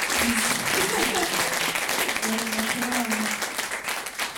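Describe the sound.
An audience applauds steadily for several seconds for the host moderating the event, a dense, even wash of many hands clapping, with faint voices and a brief cheer woven underneath.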